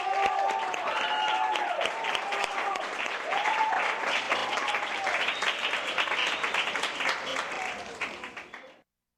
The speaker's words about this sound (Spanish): Así que un aplauso para todos ustedes.